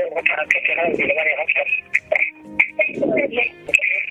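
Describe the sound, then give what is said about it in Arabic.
Voices come over a thin, band-limited phone line while a radio plays steadily in the caller's background, its muffled broadcast sound overlapping and echoing under the talk. “تفضل نسمعك بس نقص صوت الراديو شويه.”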